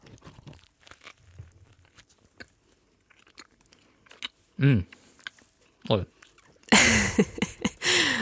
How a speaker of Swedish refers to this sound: Jag tar en tugga, men pesto brukar gå bra. Vi ska se.